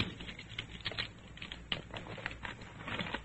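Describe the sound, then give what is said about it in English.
Locks being taken off bags and the bags opened: a quick, irregular run of clicks, taps and rustling handling noises, moderately quiet, with no one speaking. “take the locks off the bags. Oscar, I'll tell you. Open them up.”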